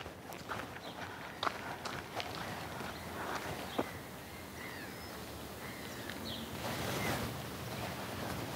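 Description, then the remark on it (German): Seven footsteps at a steady walking pace crunch along outdoors over a constant breezy, rushing background noise. No one speaks. “So, 1, 2, 3, 4, 5, 6, 7 Schritte.”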